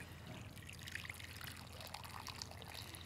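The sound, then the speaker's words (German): Hot water pours steadily for a few seconds into a cooking pot holding juniper, cloves, white wine vinegar, salt, sugar and pepper, a continuous splashing trickle with a bubbling, gurgling texture, moderately loud, with no one speaking. “So, und heißes Wasser.”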